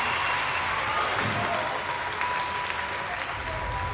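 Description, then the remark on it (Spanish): An audience claps steadily for the full four seconds, a dense wash of many hands at even loudness with no voices standing out. “aplauso para Jimena Sarañana.”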